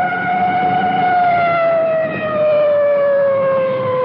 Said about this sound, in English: Coming up to a large intersection, now you can hear that full treatment on the siren.